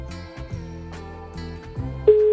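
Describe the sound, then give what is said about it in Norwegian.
A phone call's ringing tone plays while waiting for an answer, a steady electronic melodic pattern of repeated tonal notes, clear and moderately loud, with no voices. “Vi venter på, at Tulipanen tager telefonen.”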